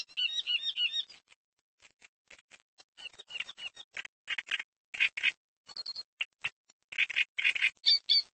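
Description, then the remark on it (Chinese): Reed warblers balancing in tall reeds chatter in a busy, continuous stream of scratchy chirps and trills, fairly loud, with short pauses between bursts and no voices. “芦苇鹰在较高的芦苇丛中寻找着平衡，它们整天都叽叽喳喳叫个不停。”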